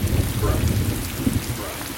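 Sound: heavy driving rain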